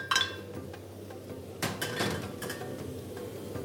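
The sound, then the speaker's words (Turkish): Ground meat being added to a cooking pot to be fried: a utensil clinks and scrapes against the metal rim several times, fairly loud, over a soft muffled background with no talking. “Kıymayı kavurma işlemine başlıyorum. Kıymamı tencereye ilave ediyorum.”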